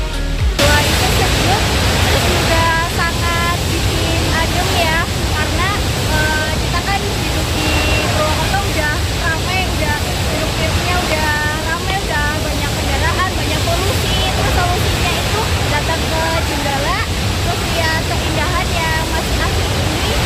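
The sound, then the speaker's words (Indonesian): A loud, steady roar of the three waterfalls of Curug Jenggala, all of similar height, and a clear, rushing, rocky river fills the whole recording, with people's voices faintly audible beneath the constant flow of water. “di mana ketiga air terjunnya memiliki tinggi yang sejajar dengan aliran sungai nan jernih berbatu.”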